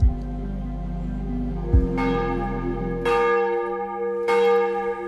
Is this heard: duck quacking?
no